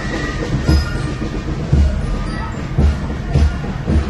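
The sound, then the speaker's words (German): A steam locomotive pulls away from Blankenburg with deep, rhythmic exhaust chuffs, loud, spaced roughly a second apart over a steady rumbling background of rail noise, gradually drowning out brass band music. “Ausfahrt aus Blankenburg, die Blasmusik spielt wieder und allmählich wird die Musik wieder vom Arbeiten der Maschine übertönt.”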